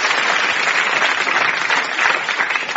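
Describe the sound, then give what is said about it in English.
A crowd claps steadily, a dense, even wash of many hands at moderate loudness that continues without a break and with no voices over it. “A round of applause.”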